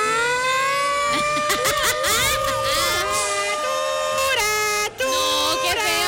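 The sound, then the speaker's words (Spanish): A loud wavering alert siren wails continuously, its pitch bending and warbling unevenly, with crowd noise and faint voices murmuring underneath. “Esa alerta está como enferma.”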